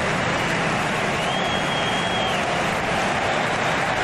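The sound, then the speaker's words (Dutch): A football crowd in the Riazor stadium cheers its team on, roaring in a steady, dense wash of cheering that stays loud and unbroken throughout, with a faint high whistle-like tone drifting through the middle. “Het publiek in het Riazor-stadion zet er zich nog een keer achter.”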